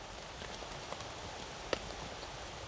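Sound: rain falling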